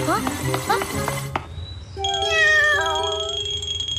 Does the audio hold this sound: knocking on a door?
no